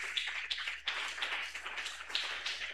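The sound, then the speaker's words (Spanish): Steady applause from a crowd for Christ Jesus on the radio program La Voz de Salvación, a dense wash of many hands clapping with a few sharper claps standing out, sustained for a few seconds at moderate volume with no voices. “Aplauso contento para Cristo Jesús.”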